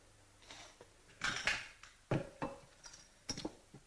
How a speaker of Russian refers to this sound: Стекло лампы раздавил. Стекол нигде нету.